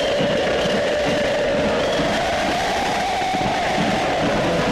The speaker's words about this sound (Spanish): El público de Belgrano ante el micrófono que empuña Osvaldo Hueve.